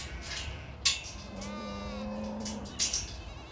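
A single drawn-out moo from a Lahn cattle cow, a historic breed, rises and holds for over a second, with a couple of sharp clicks or knocks before and after it and no talking.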